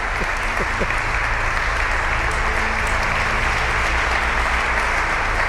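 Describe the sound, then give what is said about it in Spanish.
Sustained audience applause for the show's producer at the close of a Cadena SER radio programme in Orihuela, a dense wash of many hands clapping steadily and loudly for several seconds, with a faint murmur of voices underneath. “Un aplauso para ella, que me está diciendo que no, pero solamente falta que diga que no.”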